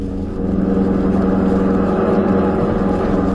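A black Buick sedan's engine roars steadily, a loud continuous drone as it speeds along the road to Tunica, with no voices over it.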